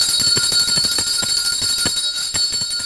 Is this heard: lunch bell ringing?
yes